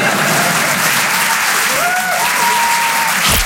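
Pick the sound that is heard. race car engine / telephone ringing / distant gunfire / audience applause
audience applause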